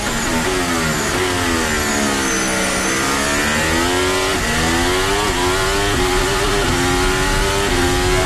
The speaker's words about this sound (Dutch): Hoort die achteras een beetje stuiteren bij het uitaccelereren? Ja, zodra de elektrische kracht erbij komt, hoor je meteen dat het echt op de limiet van de tractie zit.